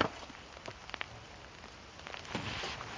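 Steady rain patters outdoors, a broad hiss with scattered drops tapping on a surface, growing a little denser toward the end.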